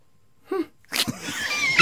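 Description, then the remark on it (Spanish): A man imitates a soft, sigh-like sneeze: a brief breathy intake, a short pause, then a gentle airy burst trailing into a hissing exhale, moderately loud. “Un hombre que estornuda suspirando es un alma sensible.”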